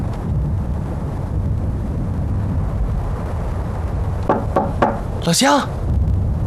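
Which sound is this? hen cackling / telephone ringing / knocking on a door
knocking on a door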